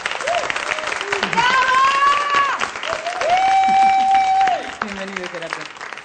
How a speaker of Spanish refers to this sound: ¡Aplausos, aplausos, aplausos, aplausos!